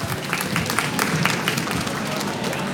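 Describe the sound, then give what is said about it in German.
Loud, sustained applause from an audience sending a guest off a stage, a dense crackle of many hands clapping at a steady level with faint crowd murmur underneath. “Dann schicken wir dich einfach mit einem lauten Applaus von der Bühne.”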